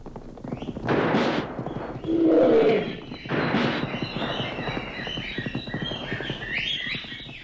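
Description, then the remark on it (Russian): A lion gives a short, deep roar amid loud sharp bursts like gunfire, with high chirping and the whistling of flying bullets filling the background toward the end. “Все, что вы слышите, рык льва, свист летящих пуль и прочее, происходило в воображении, в богатом воображении моего Тартарена.”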